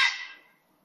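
A single harsh, rasping grey heron call, loud at the start, then trailing off quickly into quiet, with no voices. Recorded in Ankara by Kuzey Cem Kulaçoğlu; from the Macaulay Library collection.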